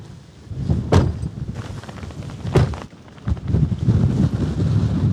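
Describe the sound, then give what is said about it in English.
Rough, low rumbling buffets of wind hit the microphone on one of the high points of a farm, with sharp gusty bursts around the first and third seconds and a steady roar that swells again toward the end. “going to shield you so the wind is coming that way.”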